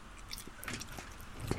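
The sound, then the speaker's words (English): A very small man chewing a very large mouthful of food, with wet, crunchy bites and squishing in an uneven rhythm, fairly quiet and with no talking over it. “It's a very small man eating what is actually a very large bit of food.”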